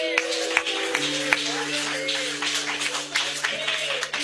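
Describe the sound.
An audience applauds with dense, steady clapping for several seconds, with voices mixed into the crowd noise and a sustained low musical tone holding underneath.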